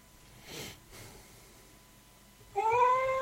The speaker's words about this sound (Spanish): Y bueno, les voy a mostrar la grabación de mi gata contestándome cuando yo le decía, por favor, déjame dormir. Escuchen, atentos, ¿eh? A ver. Vamos de nuevo. Escucha. Esa es mi gata.